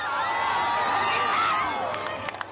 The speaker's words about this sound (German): Am Strand von Soyer hat sich ein Wölkchen davor geschoben. Trotzdem auch dort Jubel und Applaus.